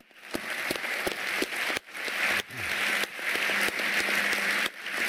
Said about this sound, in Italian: e vedi qua Buras, aveva appena vinto l'oro Nagano, e il grande applauso a Finn Christian Young, che anche lui ci ha lasciato pochi anni fa.